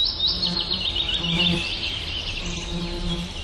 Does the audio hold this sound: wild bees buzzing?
yes